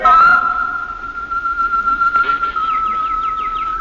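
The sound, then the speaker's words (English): Birds sing in an aviary: a long, steady whistled note holds throughout while a quick series of high, descending chirps repeats toward the end. “I went into the aviary as she suggested, and I listened to the birds.”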